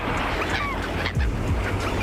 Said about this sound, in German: Ihr hört das leise Rauschen des Meeres.